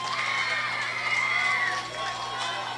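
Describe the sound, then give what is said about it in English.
A large football crowd cheers in a stadium with 5 seconds left in the game, a dense, steady roar with shrill shouts and whoops rising above it for the full few seconds, easing slightly near the end. “This Graham crowd has been amped up all night long, and boy, they played a heck of a football game.”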